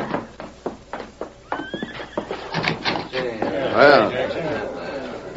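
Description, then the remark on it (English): Horses whinny loudly at a cabin set among trees as a man takes charge of them, one sharp neigh rising near the end, while hooves clop in an irregular rhythm throughout; faint voices murmur in the background. “A man stepped from the house and took charge of the horses.”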